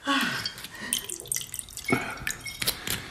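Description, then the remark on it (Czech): Liqueur is poured into a glass: a few seconds of splashing, gurgling liquid with brief drips and clinks near the end, and no talking. “Myslím, že doušek likéru by udělal panu kapitánovi dobře.”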